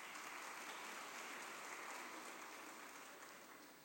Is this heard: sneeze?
no